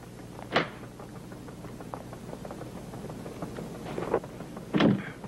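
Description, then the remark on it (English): A door is locked with a sharp clunk, then, after a pause, two more metallic clicks and thuds close together, over a steady low background hum. “Nobody will lock the door around here.”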